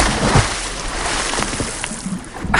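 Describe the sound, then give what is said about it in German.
Water sloshes and splashes as someone swims in the outdoor public pool in Wermelskirchen-Dabringhausen, a steady churning broken by a couple of louder splashes near the start and end, with no voices. “das Wasser ist schon drin und Radio Bergreporterin Heike Magnitz durfte exklusiv mit der Katja vom Freibadverein anschwimmen”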